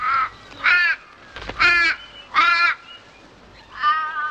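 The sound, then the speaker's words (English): Harsh, cawing calls of birds flying overhead ring out about five times at a steady, spaced-out pace, fairly loud and clear over a quiet background with no talking. “As birds fly overhead, Campbell secures a climbing rope.”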